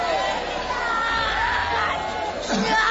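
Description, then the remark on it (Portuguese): A church audience shouts all at once during a prayer of deliverance, crying for Jesus to burn and cast out Satan: a loud, continuous mass of overlapping voices with raised, excited cries rising out of the din throughout. “Vão gritando para Jesus queimar ele.”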